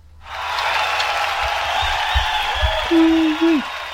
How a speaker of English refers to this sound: Does he get a round of applause? He does, if I remember where I put it.